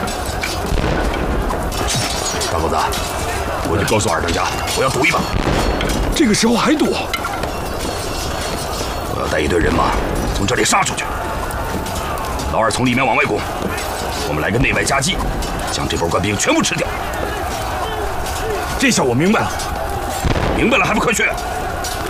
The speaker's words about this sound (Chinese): 官兵的炮火只听到炮声，却没见到炮弹落地呢。